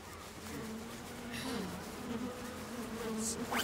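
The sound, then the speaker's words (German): A steady, dense drone of many honeybees buzzing around an opened hive as it is checked, a continuous humming swarm with slight shifts in pitch as individual bees pass. “Ja, dann wollen wir doch mal sehen, wie fleißig unsere Bienen waren.”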